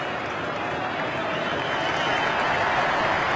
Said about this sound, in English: Number nine, Lockie Neal. Well, a man that was booed all day, but when his number gets read out, he's a champion. And the crowd are cheering him now.